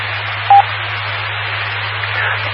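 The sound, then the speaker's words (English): A single short electronic courtesy beep from a radio repeater sounds briefly near the start, then only steady hiss and low hum of the open channel with no voices; the static does not sound like RF static or a 60 hertz buzz. “Yeah, I've got, even after the repeater does its beep, and it's just dead air, there's a little...”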